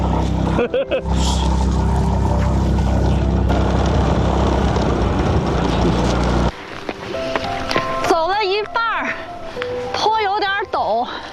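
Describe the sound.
A motorcycle engine roars loudly and steadily for about six seconds, labouring hard as the motorcycle fails to climb up a mountain path, then cuts out abruptly as voices take over and talk.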